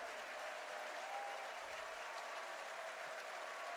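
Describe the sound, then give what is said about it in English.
A baseball stadium crowd on its feet, cheering and clapping during an at-bat in a steady, dense wash of noise that holds at an even level for the whole few seconds, with no single voice standing out. “Crowd on their feet.”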